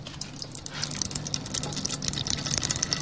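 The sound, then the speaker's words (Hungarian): Dark brown pumpkin seed oil, pressed under a weight, trickles steadily from the side of a perforated vessel into a red Bonyhád vessel placed beneath: a soft continuous liquid patter over a low mechanical hum, with scattered small clicks and drips throughout. “elméletileg az edénynek, a lyukas edénynek az oldalán, akkor így is van, megindul a sötét barna színű olaj, és elkezd lecsorogni abba az edénybe, abba a piros bonyhádi edénybe, amit alá tettünk.”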